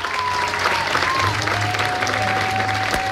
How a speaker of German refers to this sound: Applaus in diesem Theater. Ja, viele, die hier laut applaudiert hatten, waren ja eigentlich bereits längst raus aus dem Disney-Alter.